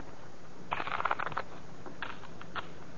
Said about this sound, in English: Here's a new deck. Shuffle them